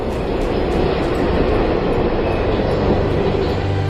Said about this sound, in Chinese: 正是有这种精确，我们才能看到每一趟高铁在停靠时和站台距离都可以保持稳定的间距。